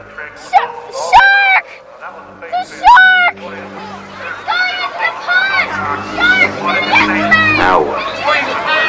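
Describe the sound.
A crowd of people on a beach talking and calling out at once, with a few louder raised voices early on, then a steady, dense babble of many overlapping voices.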